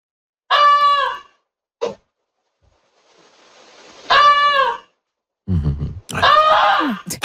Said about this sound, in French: On va écouter si ça ressemble à quoi une oie qui vous dit qu'il y a un feu chez vous.